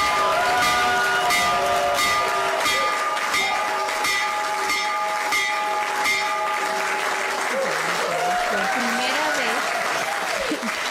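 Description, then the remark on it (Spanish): A stock market opening bell, rung by President Trump from the Oval Office, rings steadily and loudly for several seconds while a crowd applauds and cheers throughout; voices rise over the clapping near the end. “Es la primera vez que se toca la campana desde la oficina Oval”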